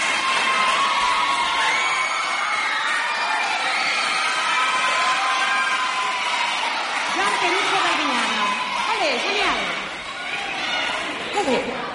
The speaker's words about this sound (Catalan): Sisplau, un fort aplaudiment pels nostres companys de l'escola.